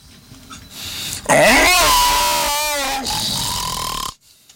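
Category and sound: animal, lion roar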